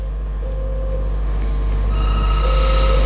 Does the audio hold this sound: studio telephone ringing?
yes